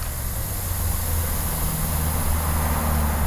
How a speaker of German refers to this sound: Ein paar hundert Meter weiter, am Kastanienwall, vor dem Pulverturm rauscht der Verkehr auf 4 Spuren vorbei.